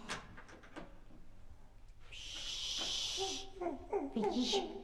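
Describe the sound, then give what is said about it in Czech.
A few soft, irregular footsteps of someone coming up the stairs, then a door opening with a drawn-out hissing scrape, followed by a child's voice speaking. “A už jde. A po schodech. Takže nepřijede výtahem, ale přijde dveřmi.”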